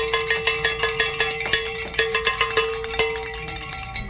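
Several handheld bells are rung on Covenant Network radio to celebrate callers, loud and continuous, a bright metallic jangle of rapid, irregular strikes over a sustained ringing tone, with no voices.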